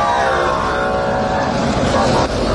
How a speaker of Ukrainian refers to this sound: Ось нарешті автобуси.